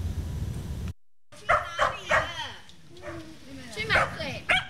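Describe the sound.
After a brief silence, a dog lets out a series of short, sharp barks and high yips, mixed with whiny, whimpering tones, with some talking around it. It belongs to a man in his sixties who lives alone with it, visited by Tzu Chi volunteers in Xiulin Township, Hualien.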